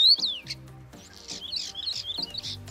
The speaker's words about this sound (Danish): så kan man ligesom gå ud i foråret og nyde den rigtige stær og dens smukke sang. Prøv at høre her.